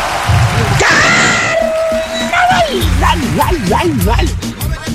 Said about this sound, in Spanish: ¿Eh? El mismo gritito que se mandó nuestro pariente.